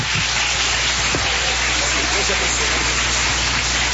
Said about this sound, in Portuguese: Palmas bem forte para Jesus.